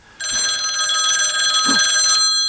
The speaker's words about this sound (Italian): Guardi. Cosa? Un telefono. Telefono? Sì, è qui. Non vedo nulla. Sta qui e suona.